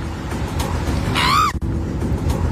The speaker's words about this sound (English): Kim Kardashian has posted in a carousel of photos on her Instagram a photo of her and Lewis Hamilton riding on bikes. Right. And then the next slide is her riding the bike and screaming, almost running into him.